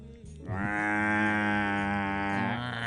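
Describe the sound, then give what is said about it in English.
A voice imitating a Woodhouse's toad call: one loud, sustained, nasal bleat lasting a couple of seconds, buzzy and rich in overtones, with no talking around it. “How about your best woodhouse toad?”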